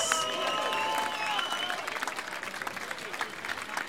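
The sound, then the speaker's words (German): A crowd in Klausen applauds with dense, steady clapping across the whole stretch, mixed with some cheering and whistles near the start, then settling into continuous clapping that stays fairly loud throughout. “Wir spendieren uns jetzt einmal einen großen Applaus, einfach weil es so bärig ist in Klausen.”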